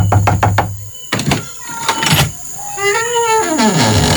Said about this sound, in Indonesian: Mana assalamualaikumnya? Ketuk-ketuk pintu, teriak-teriak aja.